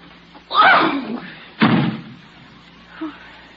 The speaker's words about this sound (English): Goodbye. Don't slam the door.